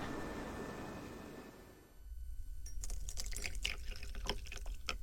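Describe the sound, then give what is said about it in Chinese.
Tea is poured into a cup in an office for about three seconds, a steady trickle with bright splashy gurgles, after a brief stretch of soft background hiss. No one speaks. “来，喝茶，喝茶啊！”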